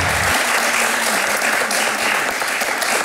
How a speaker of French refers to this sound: On se joint à ces applaudissements aussi pour un coach déjà assez serein